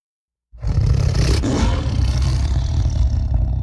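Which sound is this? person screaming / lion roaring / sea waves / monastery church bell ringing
lion roaring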